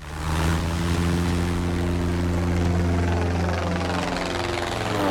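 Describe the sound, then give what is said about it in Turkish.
A loud, steady airplane engine drones continuously in flight during a training flight just after takeoff, its deep humming tones holding even throughout with no voices. “Aerial kalkışta uçağı neredeyse düşürerek bir kazaya neden olmaktan son anda kurtarınca eğitim biraz sarsıntılı başladı.”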